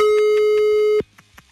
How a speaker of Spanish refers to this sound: Estamos marcando ahora. Hasta se pierde con el tutú del teléfono.